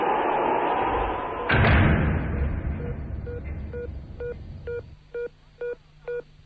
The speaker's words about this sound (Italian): No, ma è che mi si è aperta la porta qui della cabina, il vento. La chiuda, per l'amor del cielo. Sì, chiudo subito, un momento.